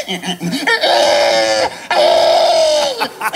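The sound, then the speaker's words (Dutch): A person imitates a pig squealing, the winning imitation at the first world championship of pig-sound imitation in Estonia: two long, loud, strained shrieks of about a second each, with short grunting snorts before and after. “in Estland werd voor het eerst een wereldkampioenschap varkensgeluiden imiteren georganiseerd”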